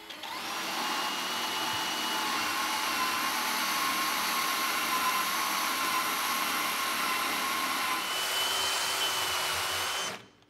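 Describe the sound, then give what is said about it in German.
A power drill whines steadily for about ten seconds, drilling slanted holes at different angles into wood for wooden pegs that fix a lap joint. It is loud, its motor drone and high buzz holding nearly constant before stopping abruptly at the end. No one speaks. “bohrt die Löcher für die Holznägel bewusst schräg”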